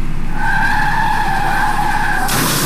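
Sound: car skidding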